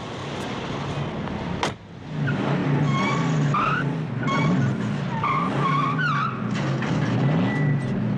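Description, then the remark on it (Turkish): A car races along with its engine roaring as tires squeal and skid repeatedly in rising, wavering screeches, loud, after a brief sharp bang near the start. “arabayı kullanabilir misin? Tabii kullanırım.”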